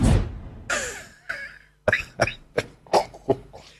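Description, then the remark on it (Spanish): A short burst of laughter-like breaths gives way to a run of about six sharp coughs in quick succession, loud and raspy, with no talking, from a person not yet recovered who coughs after laughing. “Todavía no me recupero y me río y me da tos.”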